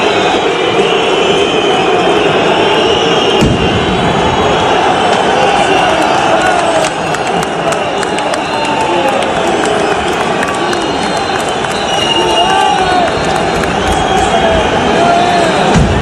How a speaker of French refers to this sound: On entend des pétards, des cris, c'est devenu une habitude quand une équipe est reléguée.